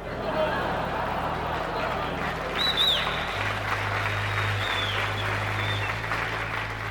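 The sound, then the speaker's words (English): A large crowd claps and cheers in a steady, dense roar of applause for the whole stretch, with a brief high whistle rising above it partway through and a low hum underneath. “The crowds are fantastic.”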